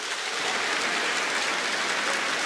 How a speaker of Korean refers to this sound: 그리고 전국 13개 지사 운영위원님들께서 참석해 주셨는데요. 여러분, 감사의 박수를 부탁드립니다.